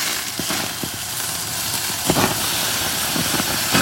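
Steady, dense hiss of a huge porterhouse steak sizzling on a grill, with brief louder crackles and pops bursting through now and then. No voices, just the continuous frying noise.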